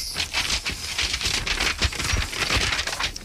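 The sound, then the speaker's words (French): Papers of an autopsy report being shuffled and crinkled, a steady, dry crackling rustle with irregular louder crunches throughout and no voices. “Vous avez du mal avec vos papiers, vous voulez de l'aide?”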